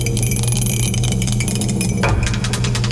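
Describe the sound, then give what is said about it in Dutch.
A die clatters and tumbles with a small burst of rapid clicks, drenched in heavy reverb so the rattling rings on and smears into a long, echoing wash. “De dobbelsteen erbij. Ik zet de galm weer aan.”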